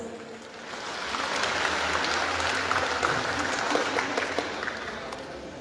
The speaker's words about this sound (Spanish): ¡Fuerte los aplausos!